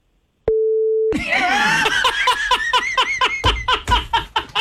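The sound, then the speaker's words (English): A single steady, mid-pitched censor bleep over a curse word, lasting about half a second, cuts in sharply, then gives way to loud, rhythmic bursts of laughter that continue to the end. “I'm on the beep button.”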